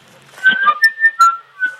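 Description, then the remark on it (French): A seagull, still alive, cries out in a quick series of about five shrill, harmonic calls, some sliding slightly in pitch, loud and alone with no talking. “on entend la mouette qui laisse des barres et crie, enfin c'est horrible.”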